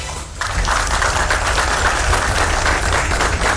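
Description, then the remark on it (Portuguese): Steady applause from a crowd of people clapping as a woman rescued after 42 hours adrift at sea is discharged from a hospital on the São Paulo coast, starting abruptly and continuing densely and evenly throughout, fairly loud, with no speech. “Sob aplausos, mulher resgatada depois de 42 horas à deriva no mar, recebe alta do hospital no litoral paulista.”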